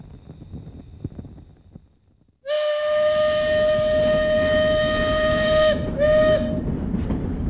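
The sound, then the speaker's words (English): A steam train heading east rumbles along steadily, then a loud, sustained whistle blows for several seconds, briefly cuts off, and sounds again in a short second blast over the continuing chug. “I can't tell you how glad I am to be on a train heading east instead of bumping along those rutted, rocky roads.”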